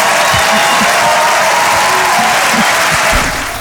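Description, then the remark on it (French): An audience at a comedy show in Paris claps loudly and continuously for a few seconds after a comedian mentions a second child, a dense, steady wash of applause mixed with a few scattered crowd voices before it begins to fade. “Voilà, n'applaudissez pas sur ça.”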